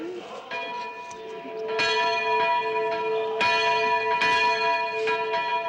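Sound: two church bells ringing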